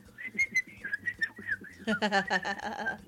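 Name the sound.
pet bird whistling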